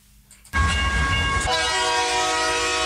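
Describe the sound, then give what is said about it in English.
A train sound effect for the radio program Sandy's Triple B Music Train on 89.1 FM community radio: a train suddenly rumbles in loud after a brief quiet moment, and about a second later a steady, sustained train horn blares over the continuous rolling clatter. “Hi, join me every Monday from 6 a.m. for my program, Sandy's Triple B Music Train.”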